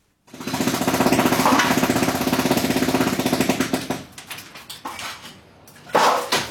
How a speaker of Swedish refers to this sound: som med borrhammare och slagborr förstör sitt eget hus